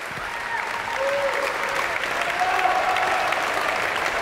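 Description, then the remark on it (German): A large audience in the Stiftskirche Melk church applauds steadily for all the performers of the closing concert of the Internationale Barocktage Stift Melk festival, a dense, continuous wash of clapping that holds at an even loudness throughout, with no voices standing out. “Ja, und wie Sie hören, spendet es großen Beifall für all die Mitwirkenden dieses Festival-Abschlusskonzertes.”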